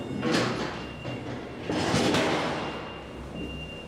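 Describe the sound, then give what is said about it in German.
A heavy metal loading plate is laid into place at the loading ramp of an old cold-storage warehouse for a truck loading frozen fish, with loud, harsh clanks and scraping, two main bursts echoing over a steady mechanical hum. “Und erst mal das Blech anlegen. So, Ohren zuhalten.”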